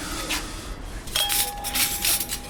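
Dishes and glassware clink and rub as a staff member sets the tables in a restaurant dining room, laying gold-rimmed crockery and mismatched cutlery, with a few light knocks and one clear ringing chime after a soft start. No one speaks.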